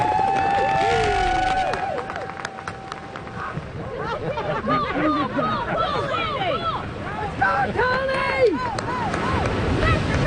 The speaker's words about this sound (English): So, let's give these guys a huge round of applause when they start. Cheer them on, because this is not an easy one. Okay?